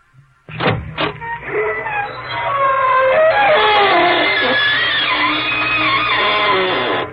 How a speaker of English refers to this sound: You knew he was on the air by the opening organ music, just as you knew the creaking door signaled a new episode of our next program.